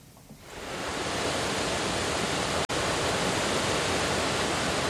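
The Furan river rushes steadily in a loud, dense wash of water that swells in over the first second and then holds constant, broken only by one split-second dropout midway. No voices.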